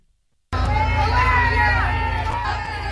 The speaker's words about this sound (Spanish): Estos son los abucheos que ha recibido la presidenta encargada, Delcy Rodríguez, cuando ha visitado a los brigadistas de otros países en La Guaira.